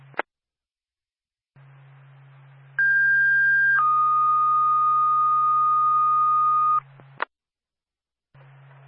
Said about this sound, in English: State Sugar Hill Fire Department. Stand by for a tone.